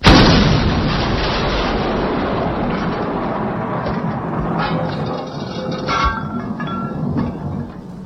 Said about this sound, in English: You're only supposed to blow the bloody doors off! Yeah, you are. You're only supposed to blow the doors off.